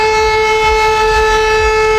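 A steady civil defense siren in Poland, sounded during a test of the national alarm system, holds a sustained, loud tone with strong harmonics for the whole two seconds, with a low rumble beneath it and no voices.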